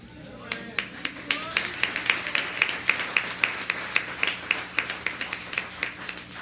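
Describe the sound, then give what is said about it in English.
An audience claps to welcome the new year 2026 in a steady, even rhythm, with sharp, crisp hits landing about four times a second and a low murmur of voices underneath throughout. “You clapping, but our destination is greatness.”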